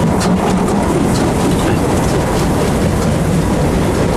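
A train rolls steadily along the rails, a loud, continuous rumble with a faint clickety-clack of wheels over track joints, and no voices.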